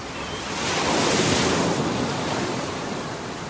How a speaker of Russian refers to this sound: Отец видел, как мальчик взывает о помощи, но криков его уже не было слышно. Их заглушали шум ревущей воды и порывы ветра.